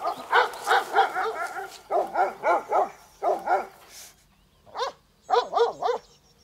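Livestock guardian dogs in Germany bark in quick, loud bursts of three or four barks, separated by short pauses, with no talking over them.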